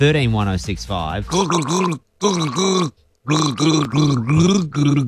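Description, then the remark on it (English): Someone gargles a song, producing loud, warbling, bubbly vocal tones that rise and fall in pitch across several phrases, broken by two brief pauses. “This is me gargling a song.”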